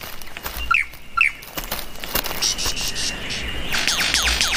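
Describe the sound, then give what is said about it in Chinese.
A superb lyrebird calls with bright, sweeping notes that sound like a sci-fi laser gun: two sharp zaps early on, then a quick run of high descending sweeps over a steady insect buzz. “它此刻的叫声听起来就像科幻电影里的激光武器。”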